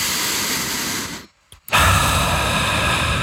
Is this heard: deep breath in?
yes